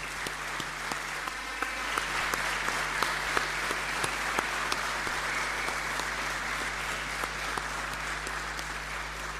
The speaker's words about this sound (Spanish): Entonces vamos a brindarle un gran aplauso para felicitarlos.